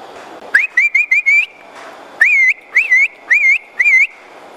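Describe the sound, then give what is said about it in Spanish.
A person whistles to herd livestock, calling a milking cow to the corral: two loud bursts of short, rising, warbling notes, the first a quick run of four or five chirps, the second a slower series of four. “O sea, para que se aislaran las bestias, sí.”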